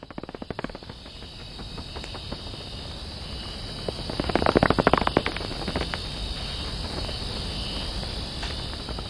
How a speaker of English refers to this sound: I want you all to hear what a rights-bearing, breathing, living cloud forest sounds like.